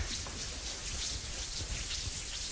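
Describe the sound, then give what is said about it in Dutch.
A dense, steady patter of many hands tapping on legs imitates falling rain, a continuous hiss-like drumming with no single beats standing out and no voices over it. “Met onze handen op de benen tikken. Nu daalt de bui.”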